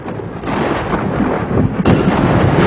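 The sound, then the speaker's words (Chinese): Loud, rumbling thunder rolls continuously over heavy rain, swelling partway through into a deeper, stronger crash, with no voices, during a sudden night-time thunderstorm in Daming County with frequent lightning, strong winds, heavy rain and hail. “话音未落，顷刻间天空雷声大作，电光频闪，一阵强降雨夹杂着冰雹倾泻而下。”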